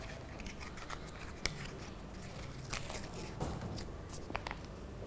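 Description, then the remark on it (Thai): Paper being unwrapped as a teacher demonstrates a prize-picking game to students crinkles and rustles in a steady stream of small crisp snaps and tearing sounds, with a few sharper crackles standing out. No one speaks. “คุณครูจะพยายามหยิบอันที่ไม่มีของรางวัลเราแกะดีๆนะลูกนะแล้วกระดาษต้องทำไมลูกเก็บให้เรียบร้อยด้วย”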